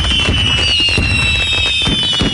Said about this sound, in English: so stock up early and light up the night sky with Boomers Fireworks in West Terre Haute.